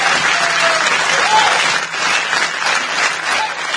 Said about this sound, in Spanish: Muy bien, muy bien. Fuerte el aplauso.